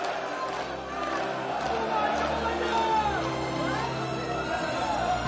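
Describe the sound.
A large crowd of people rejoices, clamoring with many overlapping excited voices, a steady, dense roar of cheering and shouting that holds at an even loudness throughout.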